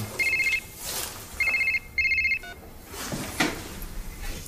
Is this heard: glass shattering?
no